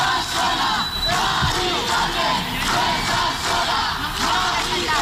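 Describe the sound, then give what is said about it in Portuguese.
A crowd of about 300 protesters in front of a building in Madrid's Retiro district shouts a chant in unison against an elderly woman's eviction, loud, with the voices rising and falling in a steady rhythm and no pauses throughout. “Em meio aos gritos de Mari Carmen, você não está sozinha”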